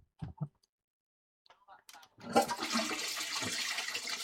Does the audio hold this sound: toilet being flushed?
yes